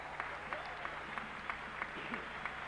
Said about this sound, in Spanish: Un aplauso fuerte.